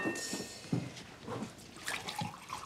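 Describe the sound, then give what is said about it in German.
Drinking water pours and splashes into a glass in short, uneven gurgles, moderately quiet, with a faint high ringing over the liquid. “Trinkst bestimmt auch einen Schluck Wasser.”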